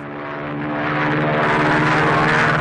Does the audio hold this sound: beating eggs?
no